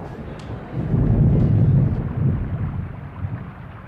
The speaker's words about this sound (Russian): Дождь полил ровно и сильно. Сухая земля быстро темнела. Все с облегчением и радостью представляли, как бьет сейчас дождь на лес, на дымящееся болото.